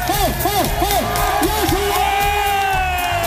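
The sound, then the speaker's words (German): A live audience at an RTS Deutschland event cheers loudly, with repeated rising whoops and yells riding over a dense, steady roar of crowd noise throughout. “Also ich glaube, am meisten Bock hattet ihr auf gute Stimmung, oder? Und wie krass gut die war, könnt ihr euch jetzt anhören.”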